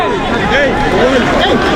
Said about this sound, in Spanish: Así suena el área. Gritos van, gritos vienen, órdenes indican.